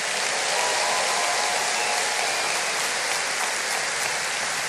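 A crowd applauds steadily for several seconds, a dense, even wash of many hands clapping at once with no voices breaking through.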